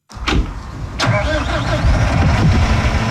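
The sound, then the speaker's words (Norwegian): A farmer in Førde, Norway, starts a tractor for the second hay cutting: the engine cranks with a couple of sharp turnover bursts, then catches and settles into a steady, loud, low diesel rumble, with no voices. “Endelig kan traktoren gå, og bonden får slå.”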